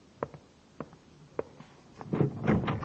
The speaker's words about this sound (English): What was that noise? Who else is in this building? Nobody. Sounded like a door.